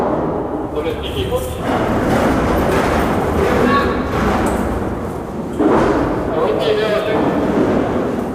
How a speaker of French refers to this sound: Et alors, et ça fait des bruits. Et donc, c'est très... il y a beaucoup de bruit en prison. Il y a un bruit de dingue, en fait.